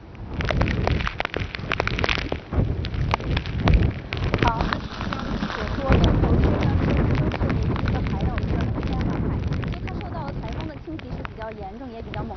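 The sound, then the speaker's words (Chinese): Heavy wind and rain from Typhoon Bavi roar steadily and loudly throughout in Dongtou District, Wenzhou, Zhejiang, China, during a reporter's live on-site report, a dense wash of noise buffeting the microphone, with an indistinct voice occasionally surfacing beneath the storm. “我们已经听到了风声雨声非常的大哈。”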